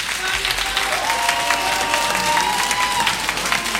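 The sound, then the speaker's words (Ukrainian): An audience at a charity concert raising money for the Ukrainian army applauds with steady, dense clapping that fills the whole stretch, loud and even, while a thin high whistle-like tone runs through the middle. “Дякуємо за оплески, за кожну гривню, яка буде спрямована на підтримку українського війська.”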